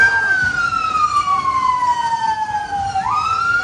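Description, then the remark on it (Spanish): A fire engine siren wails loudly on the streets of Belfast, Northern Ireland, at night as firefighters put out dozens of house and vehicle fires, its pitch sliding slowly downward before sweeping back up, over a steady rumble of street traffic. “Son las sirenas de bomberos que han tenido que sofocar decenas de incendios en casas y vehículos en una noche muy tensa en las calles de la capital de Irlanda del Norte.”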